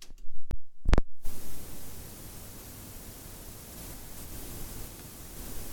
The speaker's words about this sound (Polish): już nawet jak tak zrobiłem to nawet magnetofon sam wzmacniacz jeszcze przed włączeniem jakiejkolwiek kasety generuje taki szum.